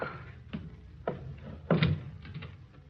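A door being opened at night for someone on the stairs: a couple of sharp clicks from the latch, then a louder, heavier wooden thump with a brief low rumble, and a few fainter knocks trailing off.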